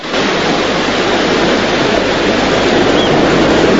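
Loud, steady surf of waves breaking on a beach rushes continuously, a dense hiss and roar with no distinct pauses and no voices.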